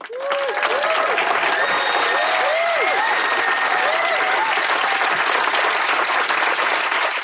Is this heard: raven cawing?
no